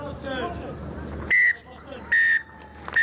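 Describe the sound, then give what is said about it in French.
A referee's final whistle at a rugby match in which New Zealand's Baby Blacks beat Italy 45 to 15 shrills loudly in three blasts, two sustained and a short final chirp, cutting through a steady roar of stadium crowd noise. “Et le coup de sifflet final dans cette rencontre.”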